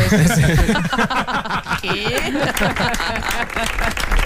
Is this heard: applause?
yes